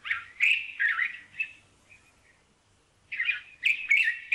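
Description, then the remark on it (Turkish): A white-spectacled bulbul sings in two bursts of bright, warbling, fluty phrases separated by a short pause, the notes rising and falling in a bubbly, chattering rhythm, with no talking. “Gerçekten Arap bülbülünü bilenler bilir.”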